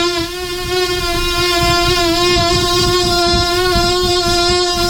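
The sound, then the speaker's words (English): A mosquito buzzes in a continuous, loud, high-pitched whine that holds steady for the whole stretch, wavering only slightly in pitch, with no talking over it. “And it always seems if there is a mosquito in your room that it doesn't go near your ankles or legs, you're covered up, right?”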